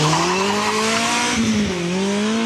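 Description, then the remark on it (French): A car launches hard from a standstill at the start of a timed lap attempt, its engine roaring loudly with a steadily climbing pitch, a brief dip like a gear change midway, then climbing again, with no voices. “Il n'y en a pas beaucoup qui partent aussi fort au démarrage.”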